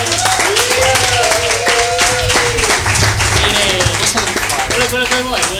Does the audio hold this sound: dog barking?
no